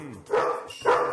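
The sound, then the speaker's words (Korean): A dog named Pari gives two sharp, wary barks at a stranger about half a second apart, each a loud mid-pitched burst, with a faint lower whine at the start. “낯선 사람을 만났을 때 파리 반응을 봐야겠죠? 역시 바로 경계하는 파리.”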